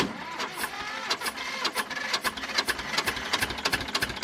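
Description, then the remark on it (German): A 1965 tractor engine chugs across a festival ground in the small Vogtland village of Stelzen with a steady, rapid mechanical knocking rhythm, clattery, with no one talking over it. “Ein Traktor aus dem Jahr 1965 tuckert über das Festivalgelände.”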